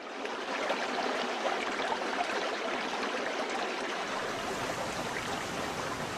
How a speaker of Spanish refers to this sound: Un espectáculo que vincula los sentidos. El rumor que del agua se escucha en su profundidad embelesa los oídos, mientras que la contemplación del agua derrochándose y saltando entre las rocas anonada la vista.